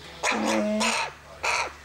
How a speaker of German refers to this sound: Ich hatte auch schon ein paar von dieser Sorte aufgezogen. Das Rabenkrähe. Die werden sehr anhänglich, wenn man sie mit Hand aufzieht.